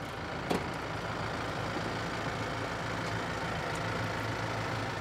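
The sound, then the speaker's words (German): A tractor engine runs steadily throughout, a constant low diesel rumble, with one brief click near the start and no voices. “Wenn Sebastian Kilka aufs Feld fährt, dann macht er das frühmorgens.”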